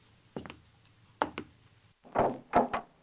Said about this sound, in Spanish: Morton se despertó cuando llamaron a la puerta.